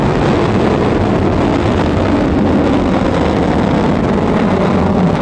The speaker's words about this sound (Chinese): 1984年1月29日，新的长征三号火箭托举着东方红二号卫星开始发射。